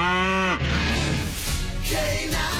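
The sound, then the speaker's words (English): A cow lets out one loud moo that falls in pitch and breaks off after about half a second, leaving a dense, continuous wash of background noise. “You can almost smell the cattle.”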